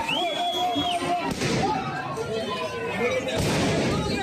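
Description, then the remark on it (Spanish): Police fire two sharp gunshots into the air a couple of seconds apart to disperse a noisy crowd of protesters near the Congress in Madrid, Spain, with people shouting and a high whistle sounding near the start. “La policía no llegó a cargar, pero sí que lanzó varios disparos al aire y gas pimienta para dispersar a la multitud.”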